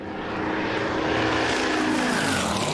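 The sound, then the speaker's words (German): A steady, loud propeller buzz from a drone on a drone racing course fills the whole moment, a dense whirring drone with rising and falling tonal whine, continuous, with no voices. “Bitte die Drohne entfernen. Drohnen dürfen nicht auf der Strecke sein.”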